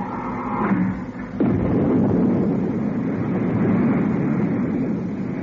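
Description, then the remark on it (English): A low mechanical hum gives way to a sudden, loud, steady roar of retro rockets firing as the firing switch is pressed, a broad rushing blast that holds without letup to the end. “I've removed the safety cover from the retro rocket firing switch. I'm pressing the switch now.”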